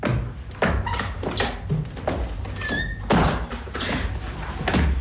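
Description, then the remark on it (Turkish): A door opens with a series of heavy thunks and knocks, a brief squeak midway, and shuffling bumps as a man comes in through it; no one speaks. “Hadi şimdi kapının arkasına gel. Adam içeri girer girmez üstüne atlayacağız, tamam mı?”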